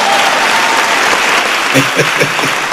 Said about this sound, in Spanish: Dense un aplauso ustedes.